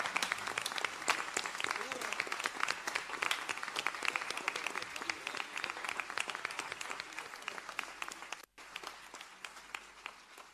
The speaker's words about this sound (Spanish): ¡Viva la Virgen de Luján! ¡Viva! Fuerte el aplauso una vez más para la patrona de Argentina.